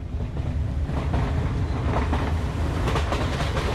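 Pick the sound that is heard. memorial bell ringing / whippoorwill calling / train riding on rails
train riding on rails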